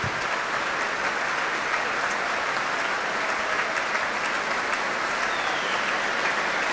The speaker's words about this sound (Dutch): En Klaus Mäkelä is weer terug op het podium. Een applaus nu voor de hornisten.